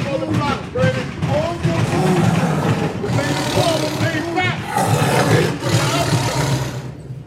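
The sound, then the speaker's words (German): A caged big cat roars and growls loudly, a continuous rumbling series of throaty calls with rising moaning tones running throughout. “Ich besuche heute die letzte seiner verbliebenen Großkatzen zu einem Exklusivinterview und will herausfinden, wer denn hier eigentlich mit einem wilden Tier zusammengelebt hat.”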